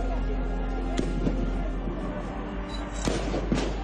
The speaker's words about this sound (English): Moments later, gunfire. They shot her in the heart. The bullet hit her, and she died instantly.